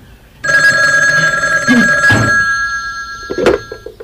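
A telephone rings with a bright, steady electronic tone that starts abruptly and holds, with a few short clattering knocks partway through and near the end.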